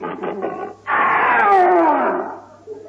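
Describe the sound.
A person imitates the roar of Leo the Lion, King of the Jungle, summoning the animals: a few short throaty grunts, then one loud, sustained growling cry lasting over a second that slides downward in pitch before trailing off.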